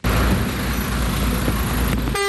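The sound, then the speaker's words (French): Dense, loud traffic noise with engines rumbling at a crowded Petro-Gabon petrol station in Ovendo, Libreville, Gabon, just after a diesel tanker truck arrived during a fuel shortage; near the end a car horn blares a sustained, tonal honk over the din. “Le camion-citerne vient à peine d'arriver que la station-service de Petro-Gabon à Ovendo est prise d'assaut.”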